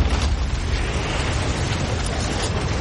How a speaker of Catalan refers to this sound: El soroll de l'explosió és tan gran que se sent des de mig Londres